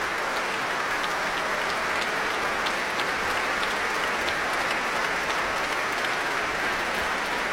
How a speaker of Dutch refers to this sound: Een staande ovatie voor Guy Brownstein.